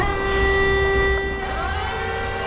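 A steady mechanical whine with a low rumble as the two front disc brushes of a prototype self-driving electric floor-cleaning vehicle, about the size of a small van, spin up at the Brno exhibition grounds, Czech Republic. The tone shifts slightly partway through, fairly loud, with no voices.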